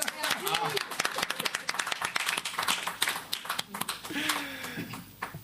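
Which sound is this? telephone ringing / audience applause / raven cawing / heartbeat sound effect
audience applause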